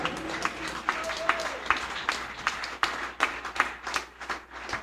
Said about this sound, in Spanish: Si ese aplauso es para el Rey, no seas miserable, dé la puerta ese aplauso fuerte a Jesús.